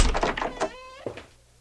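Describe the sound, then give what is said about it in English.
A door is handled: a quick cluster of dull thunks and rattles, then a brief creaking squeal and a final soft knock before quiet. No one speaks. “Yes, just go through the door.”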